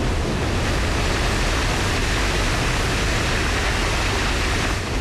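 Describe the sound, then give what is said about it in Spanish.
A steady, loud roar of a strong water flow rushing downstream of the opened intake floodgates of a hydroelectric plant, dense and unbroken like a torrent, with no voices and no pauses. “Las compuertas de la captación fueron abiertas para permitir el paso del agua, y los efectos se sintieron metros de abajo, con un fuerte caudal.”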